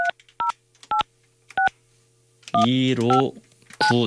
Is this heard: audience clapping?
no